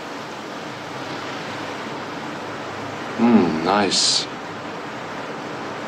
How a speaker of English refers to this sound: Let's take a walk along the river here.